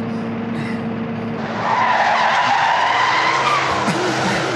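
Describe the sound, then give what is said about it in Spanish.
A car engine hums low, then tires screech loudly in a long, harsh skid as the car pulls up, the squeal holding steady for a few seconds. “Ven, Cindy, acerca el carro.”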